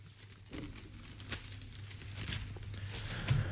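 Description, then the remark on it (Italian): Paper rustling and crinkling as newspaper pages are handled and turned to the inside pages, with a few sharper crackles amid a steady soft shuffle over a low background hum. No one speaks. “andiamo adesso a leggerlo sulle pagine interne e prendiamo il Sole 24 Ore”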